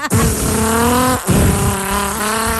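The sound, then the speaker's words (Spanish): A loud car engine revs hard without the car moving forward, with a droning, rising whine and a squealing edge like tires, cutting off briefly partway through before roaring on again, without any talk. “¡El auto que mismo no avanza!”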